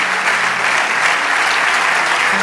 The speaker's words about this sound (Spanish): Vamos, dale ese aplauso de todo corazón.